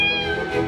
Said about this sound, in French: Ah non, non, non, ça c'est un chat, hein, pas un serpent.